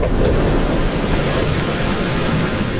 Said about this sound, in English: A roar of wind blasts through the plane and needles his eyes.